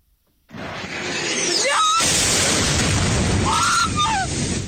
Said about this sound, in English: The sound of just one of many explosions in the Ukrainian capital Kyiv in the early hours of this morning. The country's air force said the city had been pummeled by waves of Russian attacks, about 74 missiles in all and nearly 500 drones.